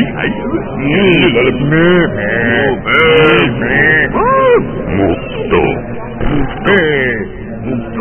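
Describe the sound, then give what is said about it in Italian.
A person makes a series of drawn-out, wavering moo-like vocalizations, imitating a cow, with several voices overlapping in a loud, continuous stream of mooing and groaning. “Cosa sono questi rumori? Dai, mi ero girato un attimo. Era una mucca pasta.”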